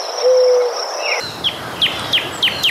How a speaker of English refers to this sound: Here's the sound effect of the birds and the monkey. Was there definitely a monkey in there, wasn't it? Was it an owl?